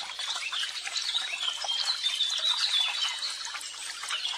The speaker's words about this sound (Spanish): Y el pájaro estaba cantando y bailando alegremente.